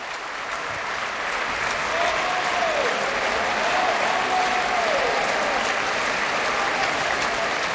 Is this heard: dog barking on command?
no